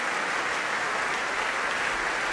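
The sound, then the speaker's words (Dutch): Dense, steady applause from a large concert audience for soprano Hasmik Torosian after a performance of Verdi's Requiem by the Rotterdam Philharmonic Orchestra, a continuous wash of many hands clapping at even loudness with no voices standing out. “Een groot applaus hier voor sopraan Hasmik Torosian.”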